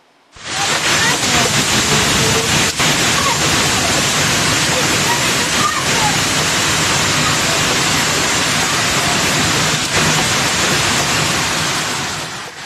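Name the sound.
violent hailstorm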